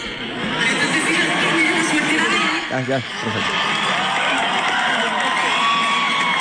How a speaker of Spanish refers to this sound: Ya, es que no sé. No escucha claramente en este video. Una gritería.